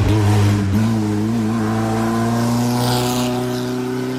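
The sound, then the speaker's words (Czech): A loud Škoda 120 rally car engine, the competition version with a 1.3-litre, 120-horsepower engine, revs hard, its pitch climbing steadily after a brief dip, with a raspy, buzzing exhaust tone and no voices. “Soutěžní verze 120 měla motor zvětšený na 1,3 litru, výkon 120 koní a dokázala jet až 200 km v hodině.”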